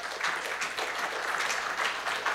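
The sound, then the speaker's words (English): A church audience claps their hands for the Lord during a morning sermon, steady dense applause of many overlapping claps forming a continuous bright patter that holds an even loudness throughout. “Give the Lord a hand clap for that this morning.”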